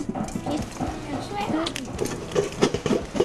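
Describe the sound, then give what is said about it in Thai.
Rice grains crackle and pop irregularly as they are roasted in a pan, a steady scatter of dry clicks with voices murmuring over it. “โอ้ยังมีเสียงเม็ดข้าวอยู่เลยไหนลองเปิดดูซิว่ามันมีนี่ยัง”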